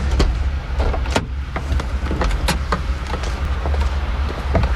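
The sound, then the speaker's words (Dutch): A taxi idles with a low engine rumble while a power window whirs and short clunks of a car door sound, the taxi then pulling away steadily. “Maar wie het een goede taxi, hè?”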